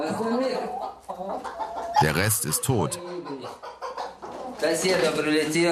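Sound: chickens clucking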